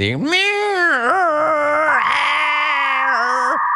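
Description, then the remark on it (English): A voice imitates the screeching alarm tone of weather warnings that interrupt radio play, a loud, sustained, wavering nasal whine that slides in pitch and holds for nearly four seconds before breaking off. “my beef are weather warnings that interrupt radio play like it's 1990 and that weird AOL dial-up wannabe sounding screeching alarm.”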